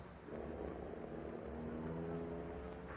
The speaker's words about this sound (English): He's getting back in the car. He's driving away. Wait. Don't move from here until he turns off this branch road.